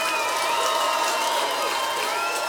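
Dense, steady applause from a large concert crowd fills the whole moment, with scattered cheers and a few high whistles rising over the clapping.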